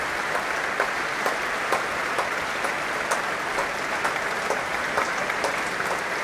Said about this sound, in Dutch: Een groot applaus nu ook voor al die verschillende muzici van het orkest.